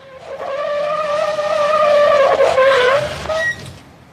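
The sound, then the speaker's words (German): A car brakes hard in town as a dog runs in front of it, its tires letting out a loud, sustained screech for about three seconds that wavers slightly in pitch before cutting off abruptly, with no voices. “Rennt der Hund mir glatt vor den Wagen. Mensch, beinahe hätte ich ihn erwischt.”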